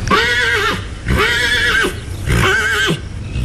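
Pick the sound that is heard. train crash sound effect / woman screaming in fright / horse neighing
horse neighing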